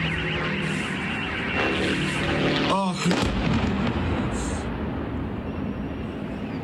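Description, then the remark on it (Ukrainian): A heavy, continuous roar of explosions from a Ukrainian drone attack on a Lukoil oil refinery in Perm, Russia, rumbles throughout, broken by one sharp, louder blast near the middle, with a brief wavering whine around it. Faint voices may be buried in the noise. “Крім того, українські дрони атакували нафтопереробний завод у Пермі.”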